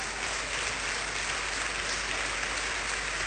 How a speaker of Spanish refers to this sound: Vamos a darle un aplauso por esa obra.